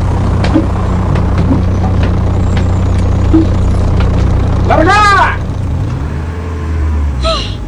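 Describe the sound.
A heavy bus engine drones steadily and loudly during a bus ride, then a brief squealing brake hiss cuts through around the middle before the rumble eases off. A voice calls out briefly over the engine noise.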